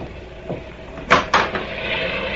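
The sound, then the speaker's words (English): Two sharp knocks on a door during a raging storm land close together, fairly loud, with a fainter tap just before them and a steady low hiss in the background. “Suddenly, and over the strident clamor of the storm, a knocking at the door is heard.”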